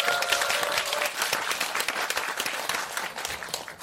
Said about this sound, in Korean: 전북 여성단체연합 상임 대표를 맡고 있는 그리고 전북 여성노동자회 회장도 하고 있는 김일자 대표님 큰 박수를 맞아주십시오.